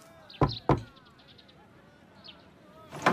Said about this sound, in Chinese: 爹，这里就是方士堂老板的府地。 正是。 孩儿去敲门。